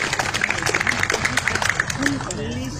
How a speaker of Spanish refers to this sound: les pedimos a nuestro público que por favor nos regale un fuerte aplauso para nuestros directivos.